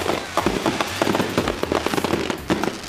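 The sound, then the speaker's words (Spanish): Rapid bursts of firecrackers and fireworks popping and crackling continuously, with dense, irregular overlapping bangs and a constant sizzling hiss underneath. “Ahora imagínense manejando fuegos artificiales.”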